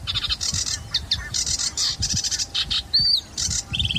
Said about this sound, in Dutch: Ja, ook zwaar onder de indruk van de virtuositeit van de Rietzanger met al zijn belletjes en knorretjes en rateltjes.